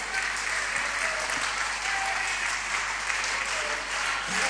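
An audience applauds steadily for a girl turning 14 at a birthday celebration, a dense, even wash of clapping that holds at a constant loud level for the whole stretch without pausing.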